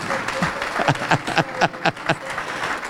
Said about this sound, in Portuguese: Vem cá e vamos aplaudir o Senhor Jesus por cada vida que está chegando. Oh, glória!